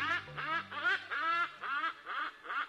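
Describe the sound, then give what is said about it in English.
Hornbill calls: about seven loud, nasal honks repeated in a steady, quick rhythm, each harsh and rich in overtones, over a faint low hum. “Take comfort in the bird that does it year after year, the hornbill.”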